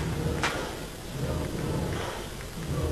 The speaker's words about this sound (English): Whether they're clapping their hands or smacking the backs of the green seats. Rattling noise off the bleachers, trying to do anything to back the blue and orange.